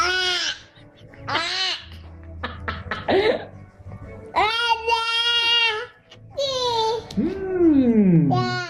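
A baby fusses after biting into a lemon for the first time, with a series of short, high-pitched whimpers, sputters and cough-like grunts, building into longer whining cries and a falling wail near the end.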